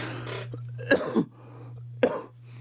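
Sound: cough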